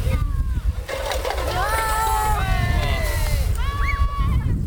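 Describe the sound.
Water sprays from a fire hose nozzle that is being turned open after the call "Wassermarsch", making a steady rushing hiss throughout, while several voices call out over the spray.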